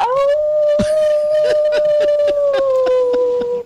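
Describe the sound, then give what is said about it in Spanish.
A single long wolf howl holds a steady, slightly falling pitch for nearly four seconds, loud, with sharp clicks and knocks scattered across it. “¡Aulló el lobo!”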